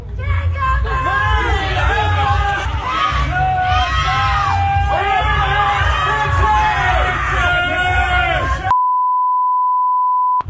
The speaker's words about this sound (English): But the mob of mentally ill Democrats were chanting and banging pots and pans outside because they're mentally ill.